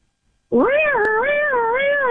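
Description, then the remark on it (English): A voice imitates a police siren: one loud, sustained wail that slowly rises and falls in pitch a few times, after a moment of silence and with no other sounds. “Okay, what about just a basic police siren? Can you do that?”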